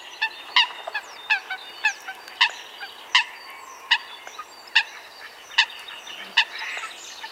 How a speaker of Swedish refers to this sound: Ja, nu undrar vi naturligtvis, vad heter den här fågeln? Jag tror att det är en sothöna.